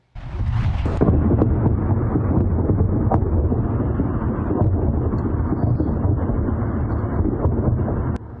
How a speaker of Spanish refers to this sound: Varias explosiones golpearon un muelle en una isla iraní en medio de intercambios de fuego.